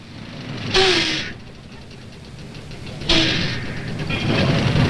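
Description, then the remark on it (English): A large bus from LA rumbles as it pulls into a bus station, with two sharp hissing bursts of air brakes about two seconds apart over the steady low idle. “bus from LA in yet? It's just coming in now.”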